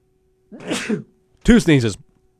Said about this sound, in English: two sneezes for me.